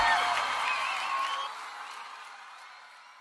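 A round of applause from a crowd for the ambassador, a dense patter of clapping mixed with whoops and cheers, starting loud and gradually fading away over a few seconds.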